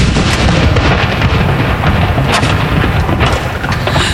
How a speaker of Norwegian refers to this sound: Det kommandanten som leder denne avfyringen. Hun står rett bak de som avfyrer disse saluttene.